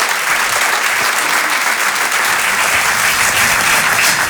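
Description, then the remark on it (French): Loud, sustained applause from an audience welcoming a duo of comedians on Rire et Chanson, a dense steady wash of clapping hands that holds at full strength for several seconds without pause and with no voices. “On peut les encourager, les applaudir très très fort, s'il vous plaît.”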